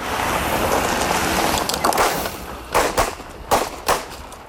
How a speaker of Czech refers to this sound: A jen upozornění, na začátku reportáže zaznějí výstřely, aby vás to nevylekalo.